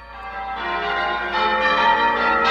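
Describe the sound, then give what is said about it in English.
Church bells ring together from a church tower in a dense, overlapping peal, their bright metallic tones blending into a continuous shimmering wash that swells slightly louder toward the end, with no voices. “You hear them ringing from a church tower.”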